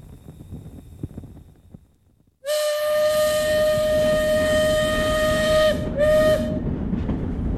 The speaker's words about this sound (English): I can't tell you how glad I am to be on a train heading east instead of bumping along those rutted, rocky roads.